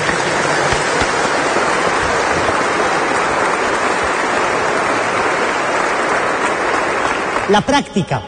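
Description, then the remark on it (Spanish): A crowd claps steadily and loudly for about seven seconds, applauding Jesus and Mary after a prayer, a dense, rain-like wash of hands. As it ends, a voice starts speaking. “Dale un aplauso a Jesús y a María fuerte.”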